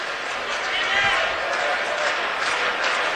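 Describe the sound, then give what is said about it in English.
OU fans in a baseball stadium crowd start clapping, a dense steady patter of many hands blended with general crowd noise, holding at an even, fairly loud level throughout. “OU fans starting to clap.”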